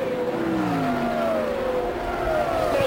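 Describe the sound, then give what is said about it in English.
Indy race car engines roar continuously at high volume, pitch sliding down as the cars sweep past on the track, including Johnny Rutherford's bright canary yellow number 4 Pennzoil special full ground effects car heading into the short chute, with a steady wash of track noise underneath and no talking. “And here's Johnny Rutherford in that bright canary yellow number 4 full ground effects machine into the short chute.”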